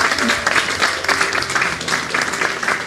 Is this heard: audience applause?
yes